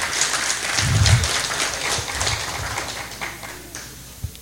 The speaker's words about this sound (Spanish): Así que un placer, una bendición y les regalamos un fuerte y caluroso aplauso.